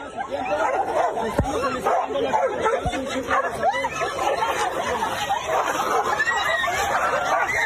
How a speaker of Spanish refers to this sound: Lo que debería haber sido un tranquilo recorrido de la presidenta Claudia Sheinbaum en Acapulco terminó con una batalla entre dos perros callejeros, obligando a varios asistentes a alejarse para evitar quedar atrapados en la riña.